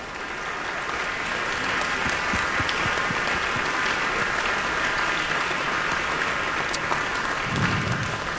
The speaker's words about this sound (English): Okay, we want another round of applause for the Canton Symphony Orchestra, who are here with us, conducted by Maestro Stephen Baez.